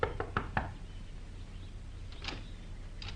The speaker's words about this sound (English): Within the hour, she was knocking at the door of a small shack on the outskirts of the village.